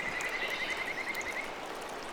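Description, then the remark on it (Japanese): A Kajika frog gives a high, bird-like trill of rapid repeated notes for over a second, then falls silent, set against the steady rush of a river at a misty riverside after rain. “かすかな鳴き声が聞こえてきました。カジカガエルです。”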